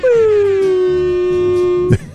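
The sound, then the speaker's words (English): A loud air horn blares in one sustained, buzzy tone that sags slightly in pitch over about two seconds, then cuts off abruptly. No one talks over it. “Double air horn.”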